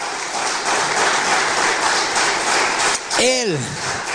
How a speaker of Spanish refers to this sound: ¿Cuánto dicen gloria a Dios? Dale un poderoso aplauso a Jesús.